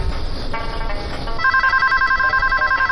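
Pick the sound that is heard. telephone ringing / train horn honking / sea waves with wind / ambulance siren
telephone ringing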